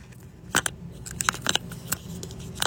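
A roll of tape being fitted onto a dispenser: a series of sharp plastic clicks and snaps, irregular and fairly bright, over a low background hum with no talking.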